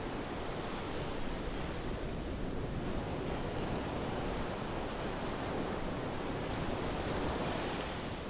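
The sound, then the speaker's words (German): Heavy storm-surge waves pound and churn without pause against a new stone breakwater, a dense roaring wash of waves with gusting wind noise layered over it. The beach in front of the houses is already flooded and the water is still rising. No voices, just the continuous rumbling crash of rough water against the stone wall. “Wird der neue Steinwall der Kraft der Wellen standhalten?”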